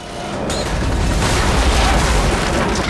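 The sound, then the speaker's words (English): A plane crashes into a barn and erupts in a fireball, a sharp crunching impact giving way to a loud, sustained roaring rumble heavy in the low end, with no voices. “They sprint out of the way as the plane crashes into the barn.”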